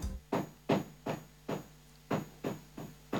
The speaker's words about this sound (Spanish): A ver, quiero que nos digan del otro lado si se escucha el martillo que retumba del primer piso hasta la planta baja donde están los estudios del Observador 107.9.